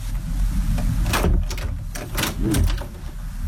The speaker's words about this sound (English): Oh, that's a very noisy. I thought there would be more of a creaky door. I wondered whether you were going for spooky. No, that's like a door in your caravan. It's like the back door at Grandma's house.